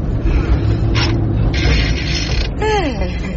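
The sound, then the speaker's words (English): A car's gears shift smoothly over a steady low engine rumble, with a short mechanical rasp, then a longer grinding clunk, followed by a falling whine as the engine settles, as a young woman drives. “He's got a nice smooth gear change, eh?”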